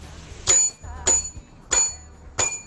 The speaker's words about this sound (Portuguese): Aquela buzinada do padeiro.